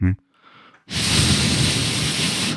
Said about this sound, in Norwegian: Og hvis jeg blåser over den korken...